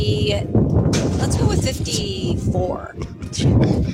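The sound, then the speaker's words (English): Strong wind buffets the microphone at Del Paso Country Club in a constant, loud low rumble with gusty surges, while muffled voices break through faintly underneath. “It's so windy, dude.”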